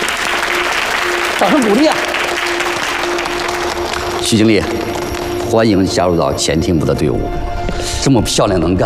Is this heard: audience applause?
yes